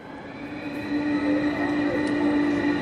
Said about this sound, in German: Hier hört man so ein bisschen die Züge im Hintergrund und dann das Cello.